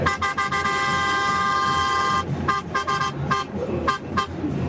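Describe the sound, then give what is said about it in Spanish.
A truck horn, sounded by a caller from La Pampa, Argentina, blares in one long sustained blast, then breaks into a rapid series of short honks, all over a steady low engine and road rumble. “Y ahí va mi bocina.”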